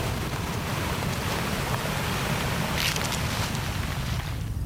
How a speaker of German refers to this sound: Eine plötzliche Böe. Blätter rascheln heftig. Lange Pause. Nur Wind.